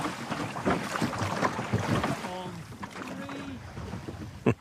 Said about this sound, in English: Thanks to everyone at the Loch Day Skiff Club for taking me out in the loch. I really wanted that perspective to see it from the water.